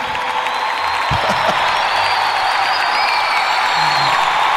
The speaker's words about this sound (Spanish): Entre aplausos y júbilo, reina.